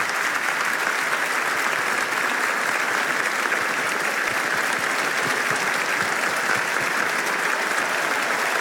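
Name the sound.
applause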